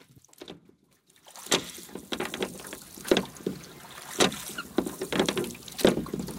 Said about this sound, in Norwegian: Det er koselig lyd, hva? Noen som er ute og ror.